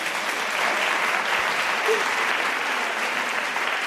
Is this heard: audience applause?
yes